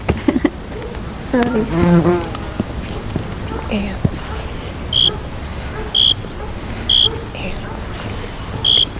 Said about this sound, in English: What needs to be conserved? A cathedral of bees.